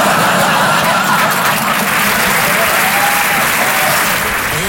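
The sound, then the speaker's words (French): A large audience claps steadily and loudly throughout, a dense, continuous wash of applause with no break, while a faint whistle rises briefly above the noise. “N'applaudissez pas, vous allez tous mourir.”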